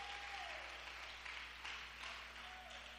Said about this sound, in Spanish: Dele ese buen aplauso al Señor.